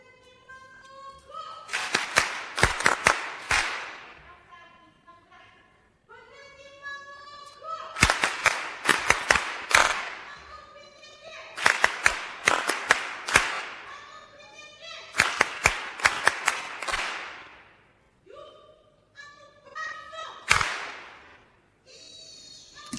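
A group claps in sharp, patterned bursts, several quick claps per phrase repeating about every five seconds, with voices chanting or singing along between and under the claps.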